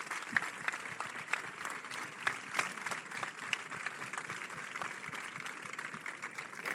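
Steady applause from an audience in Sitges for the primary schools invited to light the 21 morterets of Santa Tecla, dense overlapping claps sustained throughout at an even level, with no voices standing out.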